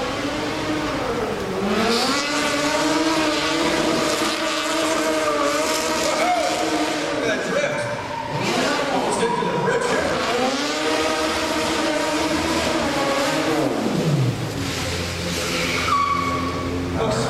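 A modified pursuit car drives down camera alley with a loud, continuous engine that revs up and down in rising and falling sweeps, ending with a sharp drop in pitch as it accelerates away.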